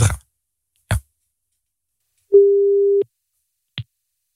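A phone call rings only once: one steady, low-pitched ringing tone lasting under a second, framed by a couple of sharp clicks before it and a single click after. No one speaks.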